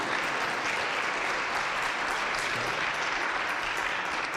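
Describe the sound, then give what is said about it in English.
An audience claps steadily throughout, a dense, even wash of many hands at a constant loudness with no pauses and no voices over it. “So next, you can clap for that.”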